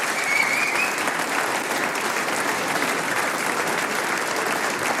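Sustained audience applause, a dense, steady wash of many hands clapping at an even loudness for the full five seconds, with no voices standing out above it.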